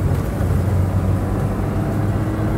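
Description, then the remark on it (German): A car driving, heard as a steady, continuous low engine rumble with a faint humming drone, even in loudness throughout, with no voices. “Halten Sie sofort das Auto an.”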